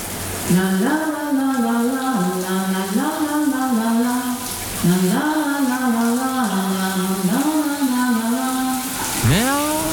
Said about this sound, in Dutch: Nou goed, eens even horen. Daar gaat de kraan. Komt-ie.